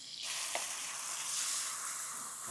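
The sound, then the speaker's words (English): Minced onion sizzles hard in a hot pan, a steady loud crackling hiss that starts abruptly and holds, with a brief brighter pop partway through and no voices. “So now I'm gonna go in with the onion. This onion's gonna cook like in 1 second.”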